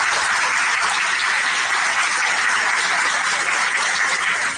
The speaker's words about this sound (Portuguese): Uma salva de palmas.